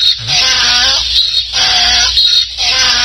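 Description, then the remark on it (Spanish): A loud donkey bray sound effect rasps through several rhythmic hee-haw cycles over about three seconds, harsh and nasal, with no voices alongside. “Le voy a poner un burro al señor Gilberto Loya Chávez.”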